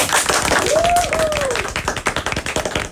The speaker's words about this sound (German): Einmal kurz die Applausabfrage ins Team, vielleicht auch an die Zuschauer.